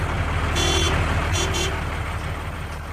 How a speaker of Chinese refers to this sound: 此刻周北风和张东孙正坐在一辆大卡车上，烟尘滚滚地向着他们的目的地平津前线司令部驶来。